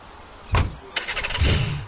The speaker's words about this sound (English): I'm on my way. Trust me. I'm getting into the car right now.